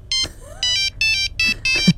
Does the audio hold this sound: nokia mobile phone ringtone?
yes